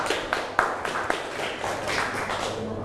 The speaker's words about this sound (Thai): เก่งมากกลุ่ม2นะคะปรบมือให้เพื่อน